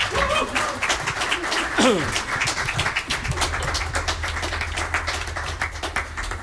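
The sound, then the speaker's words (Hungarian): An audience claps steadily throughout for a band and singers on stage, dense overlapping applause at a fairly loud, even level, with a few brief tonal sounds and a low hum rising underneath partway through. “Nagy tapsot nekik!”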